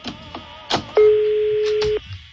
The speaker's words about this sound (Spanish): Sonando el teléfono este güey. Ay, güey, no contesta el gasero. Este mendigo gasero. No contestó, güey, no hagan perder tiempo, sean gachos.